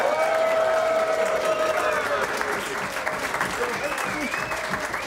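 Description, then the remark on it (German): A crowd applauds steadily for several seconds, dense overlapping clapping at a constant level, with a few voices and whistles rising through it. “Und das alleine ist schon mal ein Applaus wert.”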